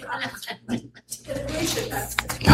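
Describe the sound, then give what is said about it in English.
A single sneeze bursts out with a sharp, hissing rush of breath, loud against quieter murmuring voices and shuffling sounds. “Bless you.”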